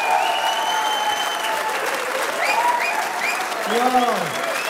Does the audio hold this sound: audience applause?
yes